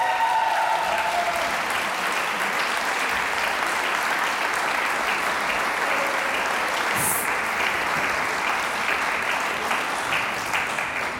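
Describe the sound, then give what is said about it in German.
Sustained applause from a large audience of fans for the Vocalinis of Volksschule St. Marein bei Wolfsberg at the Kärntner Landesjugendsingen 2026 in the Konzerthaus, steady and loud throughout, with a brief whistle and a few scattered cheers rising above the dense clapping. “Alle mit der Choralmbahn angereist, so viele Fans, das hört man gleich.”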